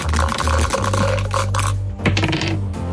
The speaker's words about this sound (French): On s'est arrêté sur la case numéro 32. Vous lancez les dés?